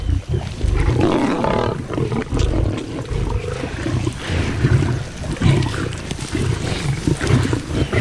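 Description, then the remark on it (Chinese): Lions snarl, growl and roar over one another as they fight over their shares of a zebra kill while feeding, a loud, continuous brawl with deep rumbling bursts rising and falling throughout and no voices. “狮子虽协作捕猎，但进食时每只狮子都会奋力争夺属于自己的那份。”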